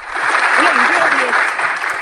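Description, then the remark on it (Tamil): Steady, loud applause of many hands clapping, a dense continuous wash of claps for about two seconds, with a voice faintly audible underneath. “நீங்க கேக்குறது முன்னே அப்ளோஸ் கொடுத்தாச்சு.”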